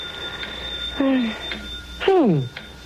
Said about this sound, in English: It's a phone. Who could be calling this late? Very strange.